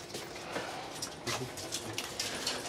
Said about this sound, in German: Gut, der Hund wird jetzt im unteren Bereich der Schließfächer angesetzt und soll intensiv diese Schlitze abspüren, wie er gerade macht. Er leckt zwar ein bisschen, ist aber kein Problem. Langsam, langsam. Ah, er spürt sehr intensiv die Schlitze ab.